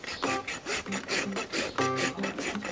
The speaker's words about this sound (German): Jetzt noch mal insgesamt stark überraspeln und eine gute Zehenrichtung geben, dass er schön abrollen kann.